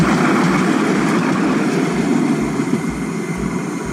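A loud, steady rumble of a tram rolling along the tracks in Kraków, Poland, with a broad roaring hiss and faint rhythmic low thumps, no voices; a tram passing there reaches up to 90 dB.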